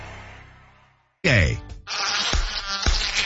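After a short silence, a loud mosquito buzz whines in, wavering in pitch and hanging steadily in the air, with a couple of sharp taps cutting through.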